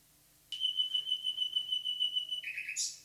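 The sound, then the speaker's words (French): A nightingale sings a long, steady, pure whistled note, then shifts to lower quick notes and ends with a brief buzzy flourish. The song is fairly loud and clear, with no voices. “Le rossignol Philomèle écoute Radio Terre.”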